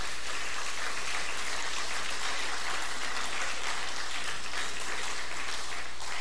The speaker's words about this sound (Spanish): Dale un aplauso a Jesús en esta hora.